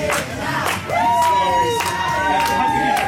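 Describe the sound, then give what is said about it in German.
A busy backstage crowd in the hall at the Eurovision Song Contest: dense overlapping chatter and shouts, with sustained sung or called-out tones rising above the steady, loud babble throughout. “So klingt es beim Eurovision Song Contest Backstage.”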